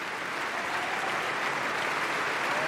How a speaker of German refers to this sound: Und jetzt bedankt sie sich auch nochmal beim Orchester und vor allem bei ihrem Solisten. Hören Sie kurz den Applaus.